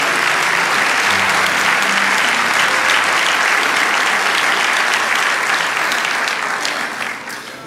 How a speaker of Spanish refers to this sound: Vamos a ese aplauso al Rey de Reyes.